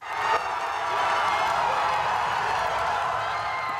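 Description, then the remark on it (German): Employees of the space startup ESA Aerospace cheer and clap after the firm's launch vehicle carrying several satellites reached orbit late on Saturday evening, a dense, steady roar of voices and applause that swells after the first moment and stays loud throughout. “Jubel bei den Mitarbeitern.”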